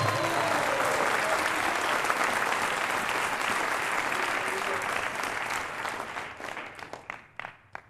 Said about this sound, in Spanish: ¿Alguien le puede dar un fuerte aplauso a Cristo en esta hora?